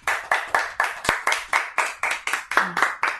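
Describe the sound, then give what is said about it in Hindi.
Loud, steady clapping for a child's story, about a dozen sharp claps in an even, brisk rhythm, like a small group clapping together in unison, with no talking. “सुंदर सी कहानी के लिए हम सभी जोरदार ताली बजाएंगे।”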